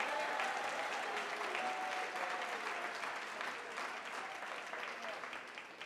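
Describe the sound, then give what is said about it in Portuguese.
An audience claps their hands in praise of the Lord, a dense, steady wash of applause from many people sustained throughout, with a faint tonal hum and murmuring voices underneath. “Pode louvar ao Senhor, pode louvar com as palmas.”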